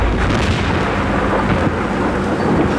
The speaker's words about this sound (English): And the storm is getting closer.